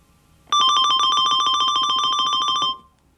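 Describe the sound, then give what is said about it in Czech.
A rapid musical trill: a bright, high note flutters quickly and evenly for about two seconds at a steady, fairly loud level, then fades away. No voices are heard. “Ve šperkovnici s hudebními ozdůbkami a módními doplňky září jeden obzvlášť parádní kousek, který se už staletí drží při životě. Je to trilek.”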